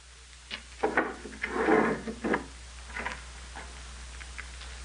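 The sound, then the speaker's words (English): A door opens: a few light clicks of the latch, a short scraping rustle as it swings, then faint taps and shuffling. No one speaks. “See first who is at the door.”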